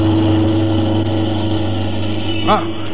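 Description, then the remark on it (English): A car engine drones loudly and steadily, rushing forward up a street and heading straight at a man on foot, with a brief rising cry or horn-like tone cutting through near the end. “Hey, look at that car coming up the street, would you?”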